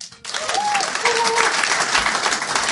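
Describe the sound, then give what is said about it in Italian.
An audience at a Fringe festival evening breaks into sustained applause, a dense, steady wash of clapping hands that starts abruptly and holds at full strength, with a faint tonal whistle or voice briefly rising above it. “Serata Fringe Me, e quindi, visto che ci sono molti Fringe Meisti qui dentro, applaudiamo.”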